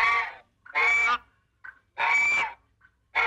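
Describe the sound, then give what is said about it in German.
A goose honks loudly and frantically in a rapid series of harsh, nasal calls with a few short squawks between them, with no one speaking. “Ja, so ein hysterisches Gänseschreien.”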